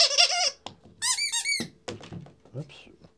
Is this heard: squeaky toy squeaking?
yes